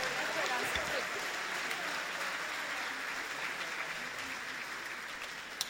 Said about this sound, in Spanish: Un aplauso para Él, bendito sea el Señor.